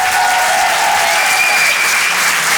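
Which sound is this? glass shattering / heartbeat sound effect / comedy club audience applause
comedy club audience applause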